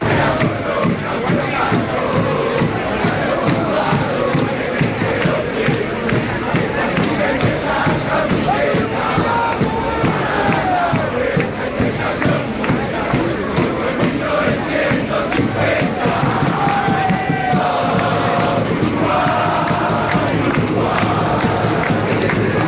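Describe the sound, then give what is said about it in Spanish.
A large crowd of Uruguayan football fans, supporters of the Uruguay national team, chants and sings in unison, a loud, continuous rhythmic roar with rising and falling voices throughout, no single speaker standing out. “La afición uruguaya, eso sí, responde a los suyos.”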